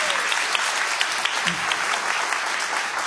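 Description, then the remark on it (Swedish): Steady audience applause in a nearly full lecture hall at Kulturhuset, greeting Sveriges Radio Ekot's China reporter on a video link. It is a dense wash of many hands clapping at once, fairly loud and sustained for a few seconds with no break. “En applåd.”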